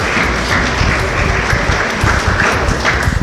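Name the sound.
audience applause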